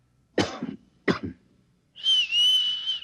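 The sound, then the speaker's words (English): Two sharp coughs in quick succession, then a steady, clear whistle held for about a second, fairly loud with no talking; the coughs and answering whistle are a prearranged recognition signal between two people. “Look, I'll cough twice, like this. And you whistle back.”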